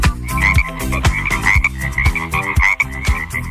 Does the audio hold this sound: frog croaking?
yes